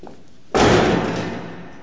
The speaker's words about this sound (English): She storms out, shutting the front door behind her.